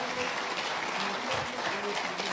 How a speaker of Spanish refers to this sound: Demos ese fuerte aplauso a ese Dios, hermanos.